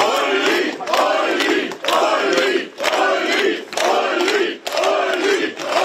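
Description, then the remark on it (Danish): A large, loud crowd cheers and claps in steady rhythmic bursts, roughly one per second, with voices chanting together in unison throughout. The crowd greets AfD lead candidate Ulrich Siegmund as he votes in the Saxony-Anhalt state election. “Partiet ser nemlig ud til at få omkring 40% af stemmerne, og da partiets spidskandidat Ulrich Siegmund stemte tidligere i dag, blev han mødt af klapsalver.”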